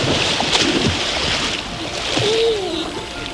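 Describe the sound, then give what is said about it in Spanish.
Steady splashing and rushing water fills the scene, with a broad watery hiss throughout and faint voices and calls mixed in the background, people bathing at the Charco del Puente river pool in Gata, Sierra de Gata. “ese es el Charco del Puente, en la localidad de Gata, donde nos remojamos el culino hoy”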